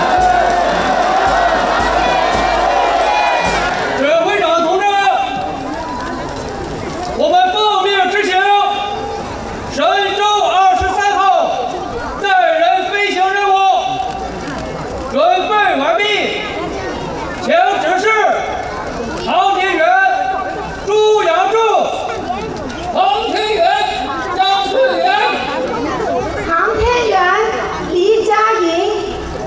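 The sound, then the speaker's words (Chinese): A large crowd waving national flags cheers and chants in unison at the Shenzhou-23 astronaut crew's departure ceremony, Yuanmeng Garden Square, Jiuquan Satellite Launch Center, with loud, rhythmic bursts of many voices repeating every couple of seconds over a steady bed of background noise. “可以看到现场已经有很多观众挥舞着手中的国旗，共同为航天员的出征加油助威。”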